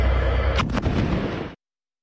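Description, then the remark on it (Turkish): Heavy, booming blasts from an Israeli warplane air strike with bunker-buster missiles on the town of Kfar Rumman in the Nabatieh region of Lebanon, over a deep continuous rumble, with two sharp cracks close together midway, loud and rough before cutting off abruptly. “Şiddetli patlama seslerinin ise tüm Nebatiye bölgesinde duyulduğu kaydedildi.”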